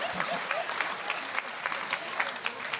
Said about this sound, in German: Applaus bitte.